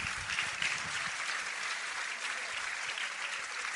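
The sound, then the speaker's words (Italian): Steady applause from a crowd for the President, a dense wash of many hands clapping at an even, sustained loudness for several seconds with no one speaking over it. “Un applauso al Presidente.”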